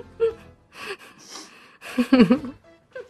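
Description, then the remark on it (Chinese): Several irregular bursts of sniffing and breathy gasps, mixed with short whimpering voiced sounds, loudest near the middle and ending with one brief final sniff. “这是吸鼻子，真的很精髓。”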